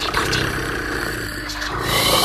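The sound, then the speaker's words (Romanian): A person imitates the purr of the cat Bazilio from the Buratino story with a steady, low rumbling voice that rolls on without pause for a couple of seconds, fairly loud and slightly rising in strength at the end. “Stai să-i mai torc puțin.”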